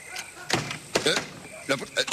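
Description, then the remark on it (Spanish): A door shuts with a few sharp thuds and knocks, spaced over a couple of seconds, with some vocal sounds mixed in between the impacts. “¡La puerta se ha cerrado!”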